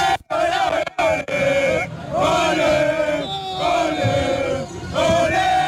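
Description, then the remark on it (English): A loud crowd of Ghana football fans cheers and chants together after Ghana's victory against Panama in their opening game of the 2026 FIFA World Cup, jumping and shouting, voices rising in sustained, rhythmic shouts with brief breaks between bursts of noise. “Absolute delirium, absolute joy from fans here in the crowd after Ghana secured a victory against Panama in their opening game of the 2026 FIFA World Cup.”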